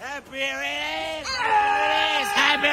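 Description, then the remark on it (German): People coming out of a tour bus while champagne is sprayed: loud, drawn-out yelling and bawling from raucous voices, held in long sustained cries with brief breaks, strained and tuneless like rowdy celebratory hollering. “Und es wird ordentlich gegrölt.”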